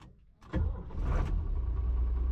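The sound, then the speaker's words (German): A vehicle engine starts up with a sudden burst after a quiet moment, then settles into a loud, steady rumbling run with heavy low-end throb, during a tractor driving lesson on the road. “Henry macht den großen Traktorführerschein Klasse T. Arndt fährt im Pkw vorne weg”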